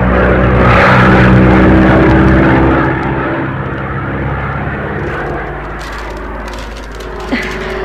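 A small propeller plane's engine drones steadily in flight, a loud, continuous throbbing hum with a low rumble that eases slightly partway through. No voices are heard.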